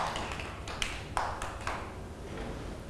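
Children clap their hands a few times in quick, irregular succession, the sharp claps fairly soft and slightly distant over a steady murmur of room noise.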